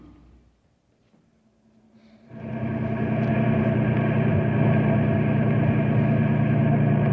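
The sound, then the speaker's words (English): A car engine rumbles in after a couple of quiet seconds, rising quickly to a loud, steady drone that holds constant to the end, with no voices, as a car drives up to a caravan of broken-down trucks. “he met us as we drove up to find out what we could do to help.”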